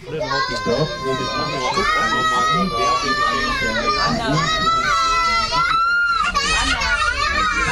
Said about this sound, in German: Ich glaube, der Zug ist kaputt. Oder was ist das für ein Geschrei? Ich weiß nicht. Was ist denn jetzt passiert? Ja. Es gab eine kleine Platzdiskussion.